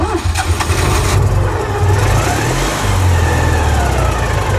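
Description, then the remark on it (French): A small Citroën 2CV car engine starts up and revs, its buzzy, rattling note rising and falling in steady surges, loud throughout with no voices. “Et quels sont inimitable de la deux chevaux.”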